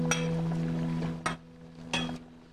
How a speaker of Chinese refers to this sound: 来，干杯！ 干杯。